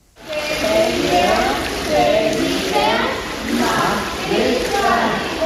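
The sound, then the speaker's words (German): Ten children and four swimming instructors stand in swimming pool water during a swimming lesson, holding hands and slowly turning together in a circle, with steady sloshing and splatter mixed with overlapping young voices, continuous throughout. “Zehn Kinder und 4 Schwimmlehrerinnen und Lehrer stehen im Wasser, halten sich an den Händen und drehen sich gemeinsam langsam im Kreis.”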